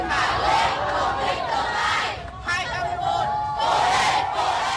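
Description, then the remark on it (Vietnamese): A large crowd of youth volunteers and parents in Hanoi cheers and shouts loudly and continuously as students leave a grade 10 entrance math exam, many voices blending into a steady roar with a brief dip midway before swelling again, with clapping mixed in. “Ra khỏi phòng thi, những tiếng vỗ tay cổ vũ của lực lượng thanh niên tình nguyện và cha mẹ phần nào động viên tinh thần thí sinh.”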